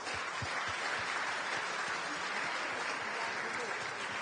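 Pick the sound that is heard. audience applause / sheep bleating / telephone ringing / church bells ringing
audience applause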